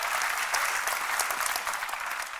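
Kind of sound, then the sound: crowd, audience applause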